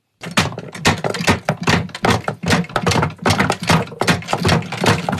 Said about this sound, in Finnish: Ei kun laatikkoa syli ja ruvetaan pomputtelemaan.